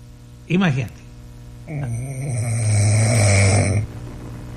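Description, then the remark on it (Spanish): A brief voiced burst, then one long, loud, rasping snore lasting about two seconds, with a low rattling drone; a man snoring in his sleep. “O sea, el ronquido, güey.”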